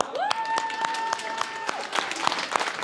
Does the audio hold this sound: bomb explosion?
no